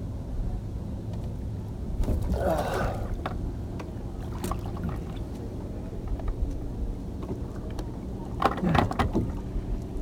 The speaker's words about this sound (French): Le bateau qui est passé fait des vagues.